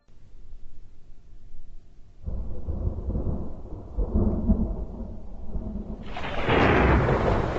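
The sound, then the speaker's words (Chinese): Low rumbling thunder rolls in on a stormy night in Lanxi County after days of heavy rain, growing into a heavy, sustained roar, with steady rain hissing loudly over it near the end. No voices are heard. “本台刚刚收到消息，由于连日暴雨，林区兰溪县爆发山洪，兰溪县 又是一个雷雨夜”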